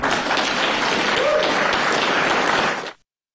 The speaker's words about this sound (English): Well, he was getting a round of applause there.